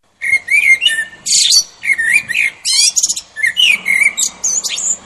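A blackbird sings a continuous, varied song of warbling and whistled phrases with brief squeaky flourishes, fairly loud, with no other sounds.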